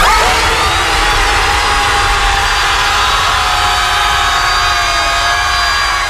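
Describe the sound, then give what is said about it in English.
A group of people at an organised scream event screams together at the sea in one loud, sustained, roaring wall of voices that holds steady for about six seconds over a constant rushing noise. “Here's everyone screaming at the sea.”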